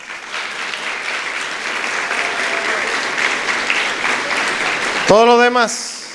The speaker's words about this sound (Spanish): Y le voy a pedir un aplauso al Señor ahí.